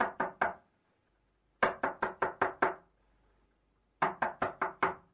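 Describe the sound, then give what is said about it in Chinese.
Loud knocking on a house door at night by a man who forgot his key, in three quick bursts: three raps, a pause, about six raps, another pause, then five more. No voices, just the sharp knocks and silence between them. “他敲了半天门，他妻子才起来开门。”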